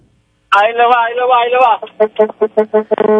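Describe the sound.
A truck driver on the Autopista Duarte, heading to Santo Domingo, imitates a truck horn with his voice: one long, wavering honk followed by a quick series of short, rhythmic blasts, loud, with nothing else around it.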